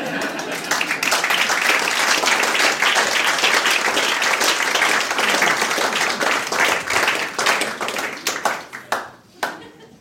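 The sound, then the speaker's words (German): A crowd breaks into sustained applause, a dense wash of many hands clapping, holding steady for several seconds before thinning out into a few scattered claps at the end. “Wenn Sie nichts anderes zum Tun haben, können Sie an der Stelle mal klatschen.”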